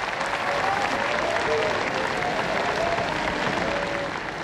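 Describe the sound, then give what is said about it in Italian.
A theatre audience applauds after the third act of a play by Diego Fabbri, staged by Luchino Visconti with Rina Morelli and Paolo Stoppa, a dense, continuous wash of clapping that holds at an even, loud level throughout with no voices standing out. “di Rina Morelli, Paolo Stoppa, Sergio Fantoni, della Marchesini, della Occhini e dell'attrice francese Françoise Pirat hanno portato alle stelle gli applausi dopo il terzo atto, decretando un vero trionfo all'ardito lavoro di Diego Fabbri.”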